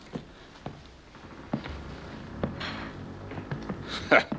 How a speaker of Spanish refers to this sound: Hay que ver cómo mastica esa esponja. Mañana comerá cerdo salado.